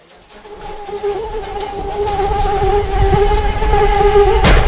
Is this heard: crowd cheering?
no